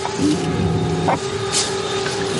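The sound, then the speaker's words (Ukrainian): A military drone passing relatively far away, then turning back and searching for a target: a steady, high-pitched motor buzz drones without pause, its tone holding level over a constant wash of background noise, with a couple of brief scraping bursts in between. “Дрон проходить відносно далеко, але повертається назад і тепер шукає ціль для ураження.”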